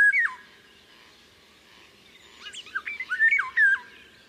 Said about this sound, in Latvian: Vālodzes dziesma ir ļoti skanīga, sastāv no strofām, kas atgādina flautas skaņas, un balsi var dzirdēt maijā. Angliskajā variantā šeit var saklausīt frāzi I can't hear you, kas nozīmē es nevaru tevi dzirdēt.